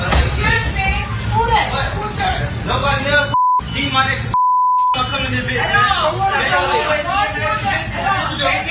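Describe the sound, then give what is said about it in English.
Steady crowd chatter fills a busy Popeyes fast-food restaurant, broken midway by two clear electronic beeps, the second a bit longer, as the background noise briefly drops out around them. “Based upon the beeps and the amount of people in that facility, that's Popeyes.”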